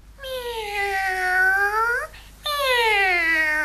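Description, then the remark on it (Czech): A black cat meows twice, loud: first a long, drawn-out cry that rises at the end, then after a brief pause a second sustained meow that slowly falls. “To je přece má černá kočička.”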